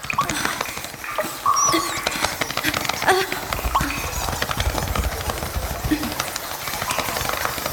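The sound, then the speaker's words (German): A dense chorus of high, squeaky chittering calls from hundreds of bat pups calling for their mothers in a roost, overlapping continuously and fairly loud, with no talking. “Das sind die Kleinen, die nach ihrer Mutter rufen.”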